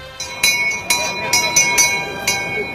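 The handbell of the niños carráncanos rings, opening the Corpus procession at the Puerta de San Miguel of Seville Cathedral at 8:15 in the morning, in a steady, slightly uneven rhythm, about seven bright metallic strikes, each leaving a lingering tone, over a faint murmur of an outdoor crowd.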